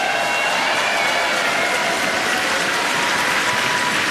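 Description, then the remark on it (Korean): A crowd applauds steadily at an FEBC (Far East Broadcasting Company) event, welcoming Ed Cannon, president and CEO of FEBC USA: a dense, even wash of many hands clapping at once, sustained and fairly loud for the whole stretch with no voices rising above it. “다시 한번 박수 보내주시기 바라겠습니다.”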